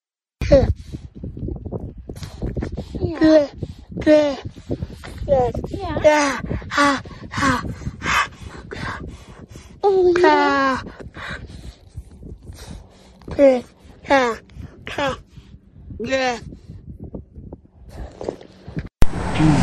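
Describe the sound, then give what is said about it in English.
A captive beluga whale in California babbles in humanlike vocal sounds: a rapid string of short, warbling calls with voice-like tones that slide up and down in pitch, including one longer rising sweep midway. “Well, we have a surprise for animal researchers in California, a captive beluga whale that, get this, sounded like a human.”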